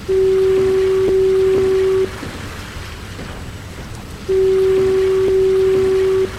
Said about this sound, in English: In the 1970s, Point Wilson entered the modern age, and the lighthouse and fog signal were automated. An electric signal replaced the compressed air horns.